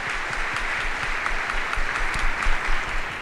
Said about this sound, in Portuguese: Celebram 22 anos de vida matrimonial. Uma salva de palmas para eles. Parabéns, Deus abençoe vocês.